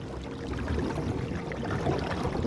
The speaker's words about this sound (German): Ja, da im Wasser. Das waren Karpfen. Um die Zeit kommen die in Ufernähe.